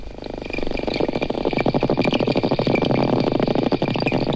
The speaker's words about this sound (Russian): Послушайте самых умных жителей океана. Дельфины издают три типа звуков. Свист, который им служит для переговоров, а скрежет и щелканье – звуки их локатора.